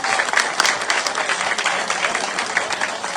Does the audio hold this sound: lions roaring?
no